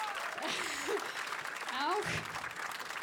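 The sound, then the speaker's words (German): A crowd applauds the double bass player steadily for about three seconds, a dense, even patter of clapping with a few rising vocal whoops and cheers cutting through midway. “Und ja, bitte Applaus, … am Kontrabass.”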